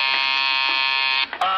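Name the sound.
doorbell buzzing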